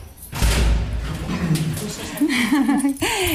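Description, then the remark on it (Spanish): A door is pushed open with a loud thud at the start, followed by a burst of rattling and then people talking; on a hot day, it opens into a bright house whose walls are filled with books. “Cuando abre la puerta, nos encontramos una casa luminosa donde las paredes están inundadas de libros, muchos de ellos de María Zambrano y de otras mujeres intelectuales”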